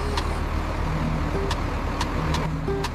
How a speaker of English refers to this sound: Oh, shoot. That's my bus. I'm sorry, I gotta go.